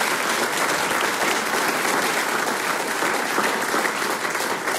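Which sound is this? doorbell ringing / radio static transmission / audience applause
audience applause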